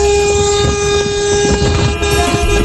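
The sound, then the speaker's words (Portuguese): A loud, continuous horn blares for nearly three seconds as a 'buzinaço' on a Brazilian Band broadcast, over a rumbling noisy background, its steady tone holding without a break and no voices present. “O buzinaço, filho. Vai.”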